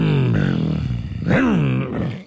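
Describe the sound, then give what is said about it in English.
In a mouth-music game, a person imitates a motorbike engine with a loud, buzzy, growling voice that a listener takes for a whipper snipper. The pitch sags low, then swoops up and back down in two revving surges, with no words spoken. “I was actually going for a motorbike, but I'll take whippersnipper.”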